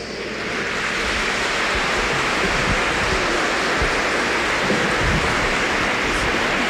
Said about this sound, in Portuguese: Vamos fazer então neste momento o sorteio da imagem peregrina de São Padre Pio. Número 226. Pode vir aqui, por favor, uma salva de palmas.